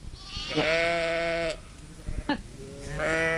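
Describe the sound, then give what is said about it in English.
Two drawn-out sheep bleats, loud and close, with strong wavering harmonics; the first lasts about a second, a short pause and a brief click, then a second bleat begins. “All right, we're going to be talking about sheep for the next few questions. All right, just to set the mood.”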